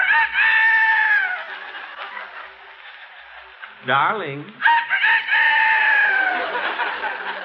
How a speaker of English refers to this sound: Darling, you're snoring. No, that's the rooster. It's morning.